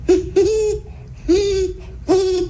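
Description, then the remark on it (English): A person imitates a great horned owl, giving four deep, breathy hoots: two quick ones, then two more spaced out after pauses, with no other sounds. “And what about the owl you mentioned? The great horned owl?”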